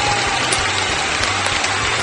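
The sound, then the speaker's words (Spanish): A crowd claps steadily and densely for about two seconds, a continuous wash of many hands applauding at once, fairly loud, with no speech over it. “¡Un gran aplauso!”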